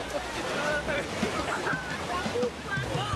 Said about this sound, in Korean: 이런 파도가 원망스럽습니다. 이 친구는 물을 먹었어요.